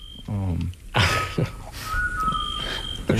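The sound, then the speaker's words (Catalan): A scops owl (called a xot in Mallorca) gives steady, mellow whistled notes, a couple of level tones held for a moment, amid other overlapping sounds and what may be a voice. “Això em consta que és un xot, el que seria un mussol, no?”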